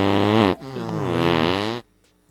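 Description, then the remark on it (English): A loud, buzzy fart sound rips out in two drawn-out bursts, the second wavering in pitch, then cuts off abruptly into near silence. “Well, big fart on your friend and his little daughter.”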